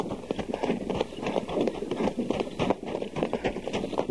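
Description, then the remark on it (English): Rapid, steady hoofbeats clatter continuously, a horse moving at speed with dense rhythmic clip-clops that stay loud throughout, with no voices over them. “Captain, stop the horse.”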